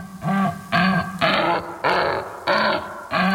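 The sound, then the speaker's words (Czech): A laughing kookaburra call slowed way down, turned into a deep, groaning series of about six rhythmic, harmonic bursts with rising and falling pitch, loud and steady with no voices. “Nicméně, bylo to trošku takové zvukové kouzlo, malá úprava, byl to smějící se ledňáček, ale ve zpomalené verzi.”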